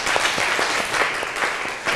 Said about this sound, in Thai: โอเคปรบมือเพื่อนหน่อย